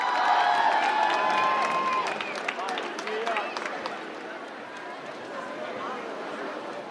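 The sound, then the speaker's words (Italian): A festival crowd at the 105 Summer Festival in Baia Domizia roars with cheers and applause as performers are welcomed onstage, loud at first with high whistles piercing through the first couple of seconds, then settling into a steady wash of clapping and shouting. “Accogliamoli con un grande applauso qui al 105 Summer Festival a Baia Domizia”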